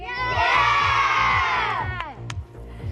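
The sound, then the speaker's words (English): A large crowd of England football fans erupts in loud, sustained cheering and shouting as the Three Lions make it through to the quarterfinals, the roar swelling then easing, with a rhythmic low thumping underneath and a sharp whoop near the end. “Jubilation from England fans as the Three Lions make it through to the quarterfinals.”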